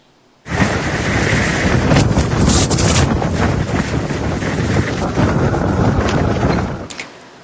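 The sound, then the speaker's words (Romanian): Strong, roaring wind of a sandstorm in a region of western Iraq, blowing at over 90 km per hour, buffets the microphone for about seven seconds, a dense, steady rumble with gusty surges and no voices, starting and stopping abruptly. “Imagini apocaliptice vin din Irak, unde o furtună de nisip a lovit puternic o regiune din vestul țării.”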